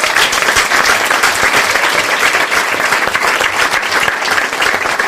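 Steady audience applause at a Lesebühne (reading stage) event, welcoming a performer who is a trained actor and musician. A dense, loud patter of many hands clapping continuously at an even level, with no talking over it.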